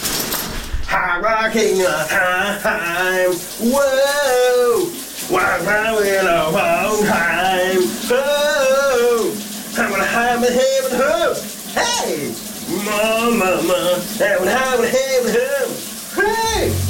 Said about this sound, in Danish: han sang under bruseren her.